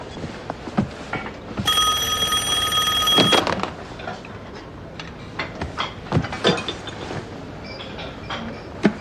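A telephone rings once in a steady, bright burst lasting under two seconds, loud against a busy background of clinks and clatter, with no talking.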